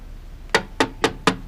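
Four quick, firm knocks on a door in an even, rapid rhythm, fairly loud, with no voices in between.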